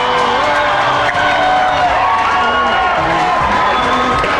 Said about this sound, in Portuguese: Sobre os aplausos da militância.